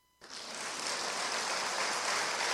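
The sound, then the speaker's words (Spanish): An audience breaks into steady applause after a brief silence, a dense wash of clapping that swells quickly and holds at an even, loud level, with no voices over it. “¿Se permite aplaudir?”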